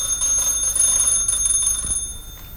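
A doorbell rings in the evening with a bright, sustained electronic tone, steady and fairly loud, holding for a couple of seconds before fading slightly at the end, with no voices.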